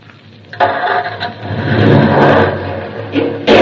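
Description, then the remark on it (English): A car engine cranks and catches, then revs loudly and unevenly for a few seconds, ending in an abrupt jolt of noise as the car, left in reverse gear, jumps backwards. No one speaks. “No, all I'm going to do is start the car. Now, the starter.”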